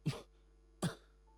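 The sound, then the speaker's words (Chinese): Two sharp coughs about three-quarters of a second apart, fairly loud, each a brief harsh burst that fades quickly, with quiet in between and no talking. “说着又咳嗽”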